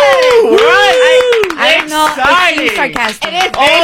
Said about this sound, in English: Sarcastic. It is very sarcastic. Oh, what? It's super sarcastic. Come on. These are little claps. It's sarcastic.